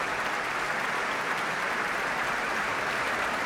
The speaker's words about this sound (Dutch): Een groot applaus hier in de grote zaal van het Concertgebouw. Voor dirigente Tiani Lou, maar ook voor de componist Iman Habibi.